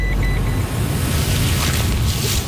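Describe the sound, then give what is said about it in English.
A steady, loud rumble of a truck loaded with bait-station tools and bait pellets, driving to a walking track on Mount Victoria, deep engine and road noise with a faint whine above it; no one speaks. “She loads everything into the truck and we head off to a walking track on Mount Victoria, which is an area covered under phase two.”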